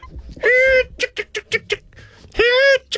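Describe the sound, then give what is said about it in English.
A person does a chicken call, imitating a chicken: two long, strained squawks bracket a quick run of short, clipped clucks, all loud with no other talk. “What's your best chicken call”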